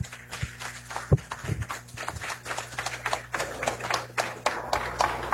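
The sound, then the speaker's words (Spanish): An audience applauds the Environmental Police with a steady patter of many hands clapping, sharp dense claps overlapping irregularly for several seconds over a low background hum. “Así que bueno, un aplauso para nuestra Policía Ambiental.”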